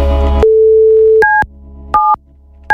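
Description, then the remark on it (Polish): A short burst of noise gives way to a steady telephone line tone as a phone is checked to see whether it works, followed by three separate two-pitch beeps like keypad presses. The sounds are clear, with no talking. “Czy działa telefon oczywiście.”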